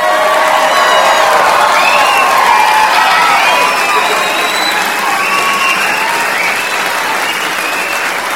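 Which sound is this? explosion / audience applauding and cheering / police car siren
audience applauding and cheering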